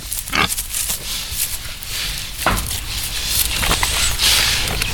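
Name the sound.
pigs grunting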